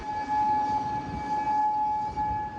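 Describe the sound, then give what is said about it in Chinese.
A steady air raid siren in Kuwait wails at a fixed pitch, sustained and fairly loud over a broad low rumble of background noise, with no voices, sounding amid missile and drone attacks from Iran. “在科威特，防空警报无日无之，军方忙于应对来自伊朗的导弹和无人机袭击。”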